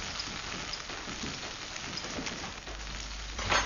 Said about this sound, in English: Next, she fries some capers until they turn crisp. I'm frying the capers so they open up like little flour and becomes crunchy.